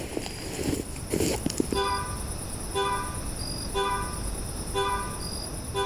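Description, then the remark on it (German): A Dodge car's horn honks four short times at a steady pace, about once a second, clear over a hissy outdoor background, after a few scuffing sounds at the start. “Da ist das Hupen wieder.”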